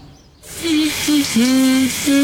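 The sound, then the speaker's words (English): A shower bursts on with a steady, loud hiss of spraying water, while a low, wavering hum, likely someone humming, rises and falls over the rushing noise. “Oh, nice relaxing shower.”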